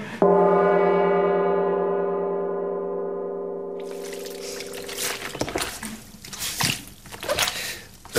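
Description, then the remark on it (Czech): A sustained, slowly fading ringing tone gives way to wet squelching and sloshing as a small wet towel is worked to make the sound of a princess in mud, a sound effect made in a radio studio, in irregular bursts with no talking. “Čvachta tam nějakým ručničkem, nebo co to je, protože kněžna je v blátě, jo?”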